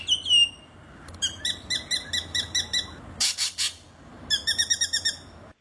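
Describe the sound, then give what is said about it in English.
A spangled drongo calls in a varied sequence that incorporates the songs of other birds: a whistled sweep, a rapid run of ringing notes, a harsh rasping burst, then another quick ringing series, clear with no talking. “It's all the spangled drongo, but it sounds like it's. They do have a tendency to incorporate the songs of other birds into their own calls.”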